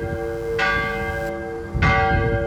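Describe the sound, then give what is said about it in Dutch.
Two loud church bell strikes about a second apart, each a bright clang that leaves a sustained, shimmering hum of overlapping tones ringing on between them. The bells of the church in Wiekel, rung by the sexton for the rooted children of the asylum church in Kampen. “Verslagjouwer Siska Bruinsma giesjen bij het klokliedden in Wiekel.”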